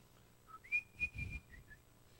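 A boy of about 12, walking home from school, whistles a bright, cheerful melody, a short run of clear pitched notes rising and holding, moderately loud, with no talking.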